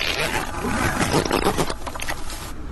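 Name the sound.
zipper being zipped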